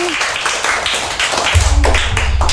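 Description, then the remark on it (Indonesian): A crowd of children in a school session clapping their hands together for their classmates, a dense and fast patter of many overlapping claps that stays loud and steady throughout, with a low rumble joining in partway. “Boleh enggak nih tepuk tangan untuk teman-teman kita?”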